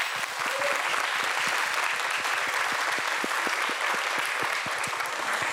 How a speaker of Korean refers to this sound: 그 뜨거운 날씨 속에서도 오늘 이 무대를 위해 누구보다도 열심히 준비해온 여섯 팀 모두에게 따뜻한 격려의 박수 한번 보내주시기 바랍니다.